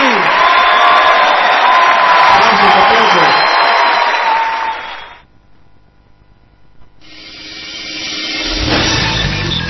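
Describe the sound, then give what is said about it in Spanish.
A crowd applauds and cheers loudly for about five seconds, with whoops rising over the clapping, before the noise cuts off abruptly and different sound begins. “Aplausos”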